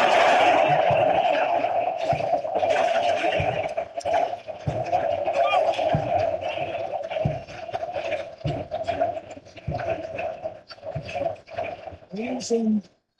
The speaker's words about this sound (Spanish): Se va Messi. Escuchemos el sonido ambiente. Ovación de 76 mil personas para este extraordinario jugador.